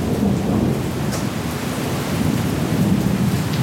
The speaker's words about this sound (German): In Mülheim an der Ruhr schüttet es am folgenden Dienstag immer wieder wie aus Eimern.